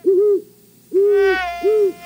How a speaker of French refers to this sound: Choisissons, par exemple, le Grand-Duc d'Amérique. Le voici. Et ce qui est remarquable avec ce système, c'est qu'on peut même entendre son chant.